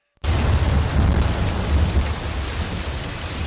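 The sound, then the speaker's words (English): Heavy rain pours down in a steady, dense hiss while deep thunder rumbles underneath, loud throughout, with no voices; rains that flooded streets in Greater Accra, Ghana. “When the rains came, they left more than flooded streets.”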